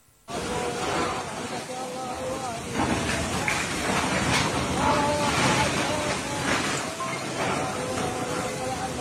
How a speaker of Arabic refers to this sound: يعني صوت الأمطار يبدو قويا، لكن ما الذي يجري في هذا المقطع على وجه التحديد؟